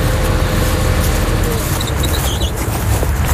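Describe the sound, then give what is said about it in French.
A tractor engine reseeding a meadow in a field at the farm Ferme du Grain au Pétrin runs with a steady, unbroken low rumble and droning hum at constant loudness, with a few faint high chirps briefly audible partway through. “J'arrive au champ et là je vois Pierre-Yves qui est encore dans son tracteur.”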